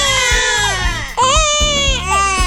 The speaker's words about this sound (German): Uiuiui, ja, ein Baby ist schon eine Herausforderung, aber so eine Mehrlingsgeburt, puh, die hat's in sich. Mehrfaches Babygeschrei, mehrere Windeln auf einmal wechseln und das Ganze im Akkord.